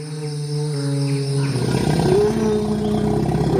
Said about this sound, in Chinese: 就在这清凉的午后，林中出现了一头庞然大物。这是一头成年大象。